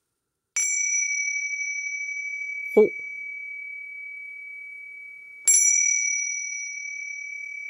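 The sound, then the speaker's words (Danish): A small bell rings twice, a few seconds apart, each bright, clear strike sustaining and slowly fading. Between the two rings, a voice briefly says a single word naming a value, as part of a game. “Skal du sige et klokkering, en værdi, og så et klokkering.”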